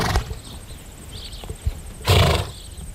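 A horse whinnies and snorts outdoors, with a few short breathy bursts and a louder, rough cry near the end. No one speaks.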